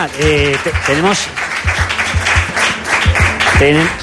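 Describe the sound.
An audience breaks into steady applause, a dense crackling wash of many hands clapping, with a voice speaking briefly over it at the start and again at the end.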